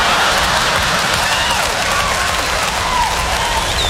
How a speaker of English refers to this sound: Why are you applauding? Are you from New York?